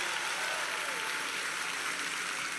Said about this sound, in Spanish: Salió como si lo hubiéramos ensayado. Denle un aplauso a los muchachos.